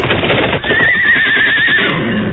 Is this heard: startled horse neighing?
yes